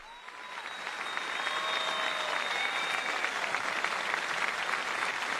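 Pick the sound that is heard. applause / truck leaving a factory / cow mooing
applause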